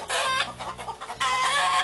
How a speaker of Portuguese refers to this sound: E o barulho desse carro assustou os porcos da casa da Sofia. E os porcos começaram a grunhir. E as galinhas a cacarejarem.